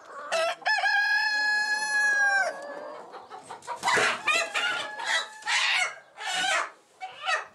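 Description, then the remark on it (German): A rooster crows loudly on a farm, one long harmonic cock-a-doodle-doo, followed by a run of agitated clucking and squawking from chickens. “Christine setzt den Hahn immer wieder auf die Hühnerwiese. Doch jedes Mal kehrt er zurück zum Hof.”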